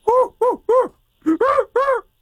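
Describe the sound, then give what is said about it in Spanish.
A human voice imitates a crow, cawing six times: three quick caws, a short pause, then three more, each a loud, nasal, arching croak. “Es un cuervo, güey.”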